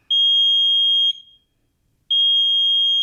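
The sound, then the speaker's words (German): A smoke alarm blares with a loud, piercing high-pitched tone, sounding for about a second, falling silent briefly, then starting again in a steady on-off pattern. “Ein Rauchwarnmelder schlägt Alarm, wenn er Rauch wahrnimmt.”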